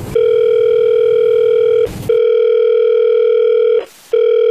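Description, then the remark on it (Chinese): A steady telephone ringback tone hums loudly and continuously, broken by two brief clicks or gaps, as a call is being placed and waits to connect. “我说一个电话号，你帮我打过去啊，就是13504那个哎，对，就这个电话打过去”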